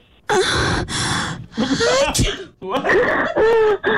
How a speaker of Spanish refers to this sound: y ahí mismo como que alguien estornudó. Identificó muy bien el sonido porque en sí ese sonido fue con catarro.